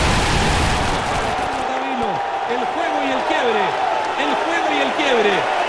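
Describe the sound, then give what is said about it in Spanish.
A tennis crowd gives a sustained ovation for the player Alejandro, with Chile leading 6-5: dense applause and cheering holding steady and loud throughout, while a man talks over the noise. “para Alejandro, que jugó realmente espectacular, y esa ovación de la gente, premio más que merecido para Alejandro y también para el Nico Mazú que lo dirige.”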